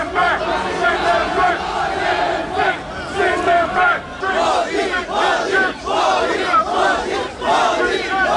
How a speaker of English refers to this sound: There were more than 100 police officers around Spark Arena as protesters against and supporters of Mr. Modi's visit faced off. Crowds were chanting anti-immigrant slogans and the Prime Minister's name.